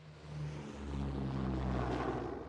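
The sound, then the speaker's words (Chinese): A propeller airplane engine on a flight to Zhangjiakou drones steadily with a low, rumbling hum and whirring harmonics, loud throughout, slightly swelling midway with no voices. “刘浩很顺利地坐飞机来到了张家口。”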